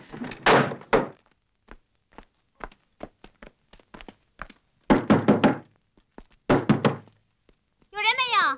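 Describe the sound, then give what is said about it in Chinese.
A door is pushed shut with a few heavy thuds and scattered light knocks and rattles between them, followed by a short burst of a voice at the very end. “哎呦，我快点关门吧。”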